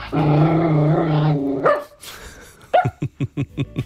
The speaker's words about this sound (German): So, einmal bellen bitte.